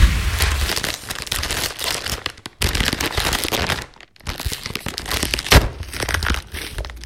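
A bag of potato chips is opened with continuous loud crinkling and rustling of plastic, broken by a couple of brief pauses and a sharp crackling pop near the end. No voices.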